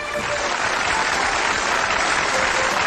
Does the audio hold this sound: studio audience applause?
yes